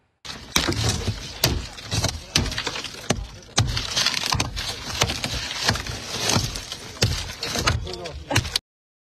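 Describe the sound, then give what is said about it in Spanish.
Car window glass being smashed by immigration agents arresting a woman inside her vehicle in Lee County, with a series of sharp, loud blows over several seconds, cracking and crunching, while muffled voices and commotion continue underneath. “Agentes rompieron las ventanas del auto y la sacaron por la fuerza en el condado Lee.”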